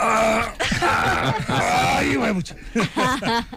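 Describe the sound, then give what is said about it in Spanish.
A voice imitates guttural groans of someone getting up: a run of loud, strained, throaty moans that slide up and down in pitch, ending in short, choppy grunting bursts. “Que las mujeres comienzan a mirarlo a uno raro, y son los sonidos guturales que se incrementan cuando uno se va a poner de pie.”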